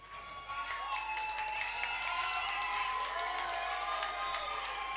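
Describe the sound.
A crowd applauds steadily for several seconds, with excited cheering and high whistle-like voices rising above the dense clapping. The sound is fairly loud and continuous from start to finish.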